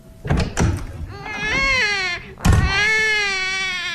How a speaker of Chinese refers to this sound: 婴儿哭了，安在天站在那里眼神一直躲闪着，他不愿意看见婴儿。